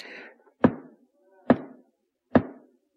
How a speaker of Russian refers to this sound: Слушай, оберст, впусти, кто там стучит?